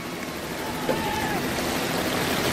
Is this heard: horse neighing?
no